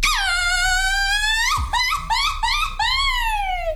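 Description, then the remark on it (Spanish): A Mexican woman lets out a loud mariachi grito: one long, high, wavering held yell, then a rapid run of short yipping bursts and a final rising-then-falling cry, with no talking around it. “Échate un grito de mariachi, ahora panzón.”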